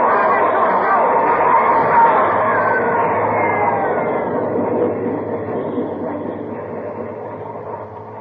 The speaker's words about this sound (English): There's a train coming through. You, come back. You're trapped.